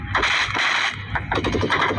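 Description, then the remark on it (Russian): Rapid bursts of gunfire crackle continuously, with sharp repeated cracks layered over a dense, noisy roar and a steady low rumble underneath. “Видите, ну слышно, там все стреляют.”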